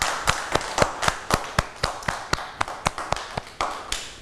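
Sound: children clapping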